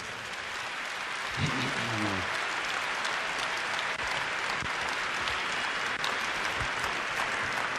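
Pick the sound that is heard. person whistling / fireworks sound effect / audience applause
audience applause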